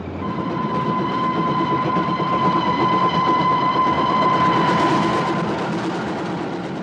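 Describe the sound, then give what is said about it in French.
A train starts off at night and rolls along the rails with a continuous, heavy rumble and a steady high whine riding on top, the noise swelling slightly as it gathers speed. No voices are heard. “Insensiblement, le train s'ébranle, avance, s'en va enfin, puis court et fonce.”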